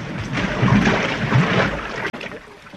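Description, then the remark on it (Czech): A boat about 6 metres long and weighing at least a ton is launched and slides into the water with a steady rush of splashing and churning that holds for a couple of seconds, then a brief cut before the water sound continues more quietly. “Měří 6 metrů, ale váží nejmín tunu. Dobrý. A teď ji spustíme na vodu.”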